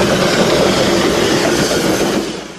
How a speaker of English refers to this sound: Let's get on this train. Just saying it. Let's wait for that conductor to call us on. Choo-choo. All aboard. Oh, we're getting on. Onto the train, the SS Cocaine.